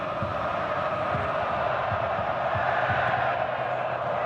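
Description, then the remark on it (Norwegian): A large stadium crowd at a Morocco World Cup match in Foxborough, in 25-degree weather, roars steadily, a dense wash of cheering with rhythmic chanting pulsing through it, loud and sustained without a break. “Ja, de får med seg publikum her”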